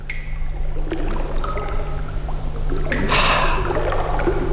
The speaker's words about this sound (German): In einer Grotte. Es tropft, es ist dunkel und eben auch schön kühl.